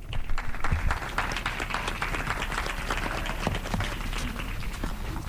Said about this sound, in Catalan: Un fort aplaudiment per ells i elles.